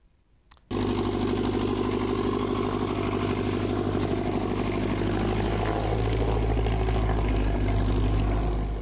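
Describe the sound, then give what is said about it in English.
A small propeller plane's engine kicks in abruptly and keeps up a loud, steady droning hum, with no voices, at the Experimental Aircraft Association Chapter 569 annual fly-in breakfast at Norfolk Regional Airport in Northeast Nebraska. “Their rotors and motors were humming in Northeast Nebraska yesterday for the annual fly-in breakfast.”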